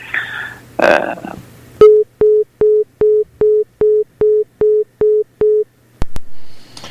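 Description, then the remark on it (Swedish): A phone line's busy tone after a call drops pulses steadily, about ten short identical beeps in an even rhythm after a brief burst of noise and a click, ending with another sharp click. “Det kan ju vara så att hans telefonkort har tagit slut.”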